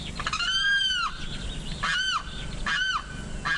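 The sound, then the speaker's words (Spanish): A limpkin (carrao) gives three loud, wailing, harmonic cries, the first one longer and drawn out, the next two shorter, each rising then falling, over a steady background hiss. “Este sonido corresponde al canto del carrao y hace parte del proyecto A Ritmo de Pájaros de la Fundación Corocoras.”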